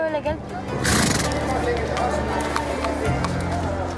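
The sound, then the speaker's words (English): Horses neigh and whinny loudly at a busy outdoor horse market, with hooves clip-clopping and a bustle of movement and voices in the background. “I often go to the horse market with my dad.”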